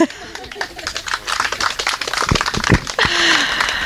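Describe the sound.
An audience claps steadily, a dense patter of many overlapping hand claps at a fairly even level, with a voice briefly audible partway through.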